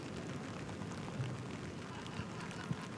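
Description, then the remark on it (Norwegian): Steady rain pours over an open-air tennis stadium during a match, a dense, even hiss filling the space, with a few soft low thuds breaking through and no voices. There are puddles on the court and umbrellas in the stands. “Hør nå på regnet.”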